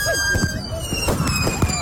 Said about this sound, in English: See, the thing is, though, people didn't secure the fireworks. Works property, and this is what happened.